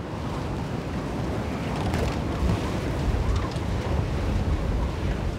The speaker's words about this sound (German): Schon am Vormittag ist der Pegel 20 cm zu hoch für den Sommerdeich. Noch 4 Stunden wird die Nordsee steigen und der Sturm nimmt weiter zu.